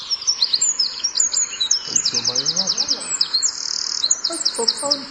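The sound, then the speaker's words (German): A Eurasian wren sings a loud, rapid, high-pitched song of trills and fast repeated notes, running almost continuously. Lower, softer warbling notes from another bird surface briefly in the middle. “Genau, so singt der Zaunkönig.”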